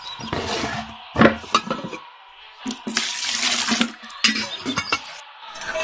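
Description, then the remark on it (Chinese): Water runs and splashes in bursts into a vessel, broken by knocks and clinks of metal and glass as a kettle is filled to boil water and set down. “哦，暖壶没水了，我烧水。”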